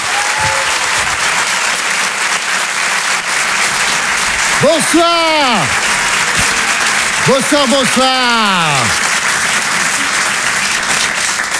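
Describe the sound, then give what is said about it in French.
A large audience at the Open du Rire comedy show claps loudly and steadily throughout to welcome a stand-up comedian, a dense wash of applause, with two sweeping whoops or cheers rising and falling above it midway through. “Je vous demande de l'applaudir très très fort s'il vous plaît.”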